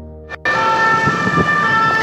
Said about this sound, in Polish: a teraz także głos głośnej syreny państwo mogli usłyszeć na koncert.